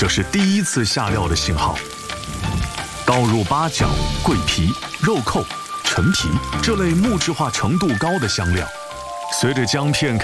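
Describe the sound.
Ginger slices and onion fry in oil at 50°C, the ginger edges turning pale yellow, with a steady, crackling sizzle that runs the whole time, fairly loud, beneath a person talking continuously.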